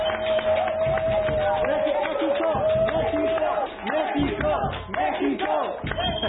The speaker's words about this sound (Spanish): Sí, y la verdad es que este sueño mundialista merece que le demos unos aplausos a nuestro selección. ¡Bravo! ¡Bravo!